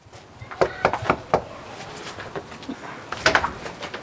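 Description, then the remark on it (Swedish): A quick series of four sharp knocks on a front door, followed after a pause by a second cluster of knocks, with faint background noise and no talking; party canvassers door-knocking ahead of a Swedish election, on a Monday evening in Uppsala. “Ekot följde med när Kristdemokraterna och Miljöpartiet knackade dörr.”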